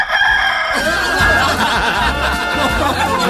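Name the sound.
rooster crowing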